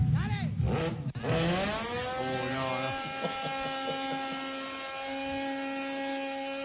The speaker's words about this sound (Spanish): MotoGP, che.